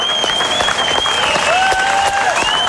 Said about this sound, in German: Sie hören den Schlussapplaus